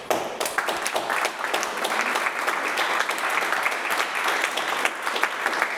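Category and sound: crowd, loud applause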